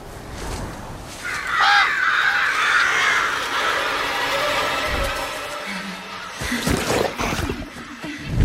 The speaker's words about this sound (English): The flock of crows begins their assault